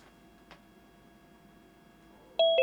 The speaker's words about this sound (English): Ding dong. Oh. Hello. Ding dong. Who's at the door?